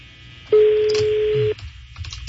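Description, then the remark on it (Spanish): A single steady telephone ringback tone of a dialed call sounds loudly for about a second, then cuts off before the call goes to voicemail, leaving faint background noise and a few soft clicks. No one speaks. “Está sonando. Teléfono de la llamada será transferida al buzón de voz.”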